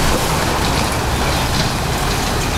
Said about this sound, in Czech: Teď už se podzemí definitivně uzavírá. Zasypává se první ze 4 jam a hlušina padá dolů do téměř kilometrové hloubky.